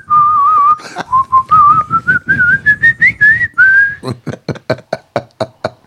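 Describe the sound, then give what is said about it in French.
A person whistles a melody in imitation of a blackbird that copies radio sounds, here a Lucien Jeunesse radio tune: a wavering, steadily rising line followed by a run of quick, sharp staccato notes in a regular rhythm, with no talking. “Oui, un merle qui balance Lucien Jeunesse.”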